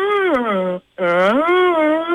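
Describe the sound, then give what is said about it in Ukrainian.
A contestant, participant number one in a Lux FM radio game, imitates a deer call with two loud, drawn-out nasal bleats separated by a short pause, the first sliding down in pitch and the second rising back up. “учасниця номер один, тому, будь ласка, як ти повториш звук оленя?”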